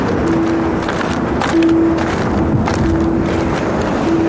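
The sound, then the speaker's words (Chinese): A strong gale of force 6 or above roars across the open Gobi desert of the Hami North Gobi wind zone, one of Xinjiang's nine major wind zones, in a dense, unbroken rush of noise, with a thin, steady whistling tone that drops in and out over the steady blast. “6级以上的呼啸，是这片戈壁亘古的呼吸。”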